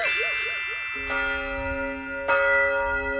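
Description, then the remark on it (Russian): Church bells of the Trinity Lavra of St. Sergius, an ancient monastery in Russia, ring out in clear, sustained strikes, with fresh clangs arriving about a second apart over a long shimmering decay, heard alone without voices. “Колокола звонят.”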